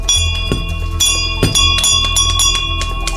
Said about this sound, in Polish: Gdy dowiedziałam się, że jest taka inicjatywa Dzwonów Zwycięstwa, nie ukrywam, że moim takim marzeniem było, aby ten dzwon zawisł właśnie na tym oddziale, ponieważ sama miałam okazję tutaj przebywać